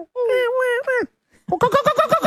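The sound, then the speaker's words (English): A human voice imitates a kookaburra as a bird sound effect during Bird Week on the Christian O'Connell Show: a loud, wavering hoot, a short pause, then a fast run of about eight rhythmic, cackling laugh-like pulses. “That's pretty good, Kookaburra.”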